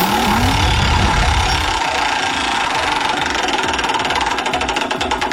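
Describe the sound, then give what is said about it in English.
A prize wheel spins with a rapid, loud rattle of clicks that gradually slows, the ticks spreading farther apart as it winds down. No one speaks. “Let's spin the wheel.”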